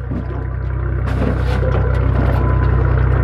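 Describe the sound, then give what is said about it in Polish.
A helmsman casts off a small aluminium boat with four benches while its outboard engine idles with a steady low rumble, and a few brief scraping, knocking sounds come through midway. “Sternik nasz odcumowuje naszą łódkę.”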